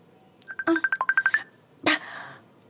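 A mobile phone rings with an incoming call: a quick run of about ten short electronic tones, fairly loud, followed by a brief brighter burst that fades out.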